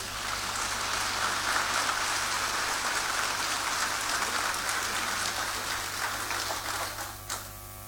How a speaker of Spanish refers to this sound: Muchas gracias por su aporte y por la contribución a la comunidad. Fuerte el aplauso.